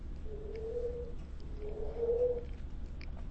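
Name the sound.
bird cooing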